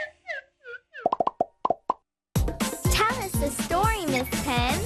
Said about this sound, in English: Squirt. Squirt. An octopus squirts its ink.